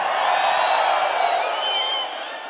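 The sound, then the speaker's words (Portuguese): A large crowd in Natal, Brazil, shouts and cheers in a dense, continuous roar as men are called on to raise a hand and shout, with a few high whoops rising above it, easing slightly toward the end. “O homem que gosta de mulher de verdade, levanta a mão e dá o grito aí.”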